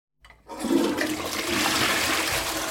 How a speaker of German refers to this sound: die Klospülungen spielen die Kinder dem Andrea immer vor